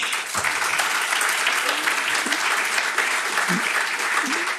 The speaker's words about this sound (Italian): Un applauso a Massimo Stronati.